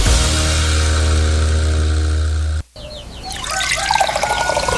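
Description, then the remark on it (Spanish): Water rushes steadily from a tap with a low, constant hum, cuts out briefly, then returns as a loud, splashy stream with no voices. “Salir el agua limpia y segura es tan natural como abrir la llave.”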